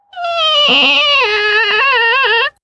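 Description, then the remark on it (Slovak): An old, shabby gate creaks open in one long, loud, wavering squeal lasting a couple of seconds, alone, its pitch bending up and down as it swings. “A keď otvoríte starú vrzgajúcu ošarpanú bránu, dostanete sa do nášho kráľovstva.”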